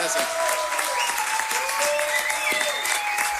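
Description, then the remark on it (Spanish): A steady burst of audience applause for the crowd that came to see the performers today, dense clapping spread across the mids and highs with a few faint whistles or cheers threaded through, loud and continuous for the whole stretch. “Y creo que nosotros, démosle un aplauso a todo este público que nos vino a ver hoy día, chiquillos.”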